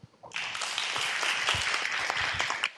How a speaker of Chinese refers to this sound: 让我们再次以最热烈的掌声感谢